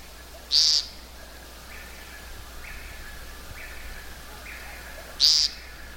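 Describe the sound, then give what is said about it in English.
A woodcock gives two short, buzzy, unmusical zeep calls several seconds apart, loud, at twilight between dark and some light, while fainter repeated notes from another bird sound in the background. “You hear that rather unmusical note, kind of a zeep.”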